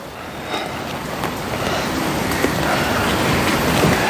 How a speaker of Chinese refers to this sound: 下雨呢